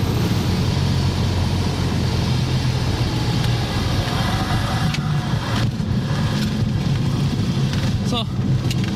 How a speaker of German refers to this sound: es geht in den Landeanflug. Ach du liebe Zeit, die Landebahn sieht aber klein aus von hier oben.